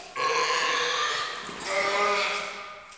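A young seal gives two long, throaty grunting calls back to back, loud and buzzy with a nasal, harmonic tone, filling the moment without any talking over it.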